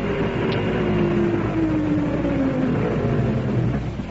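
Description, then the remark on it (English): A car engine drones steadily through a wash of road noise, its low hum sliding gradually down in pitch as the car and its lights approach across flat open country, fairly loud, with no one talking. “As the lights and the sound of the engine got nearer, she was at first uneasy, then plainly scared.”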